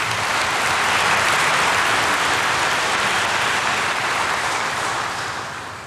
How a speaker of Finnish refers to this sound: Annetaan heille kaikille aplodit.